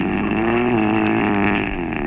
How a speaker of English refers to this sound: It's definitely a post-pharyngeal condition, and that roaring intake indicates he's a mouth breather.